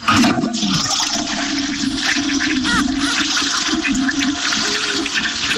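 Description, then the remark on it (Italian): A toilet in a villa flushes in one continuous rush of churning water, steady and fairly loud throughout, heard through an open window. “È partito lo sciacquone del cesso della villa dove eravamo.”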